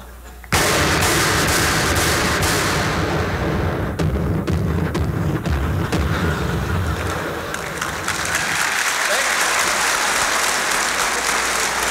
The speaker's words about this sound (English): Somebody on the other side opens up with a 40-millimeter cannon.